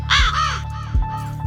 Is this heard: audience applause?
no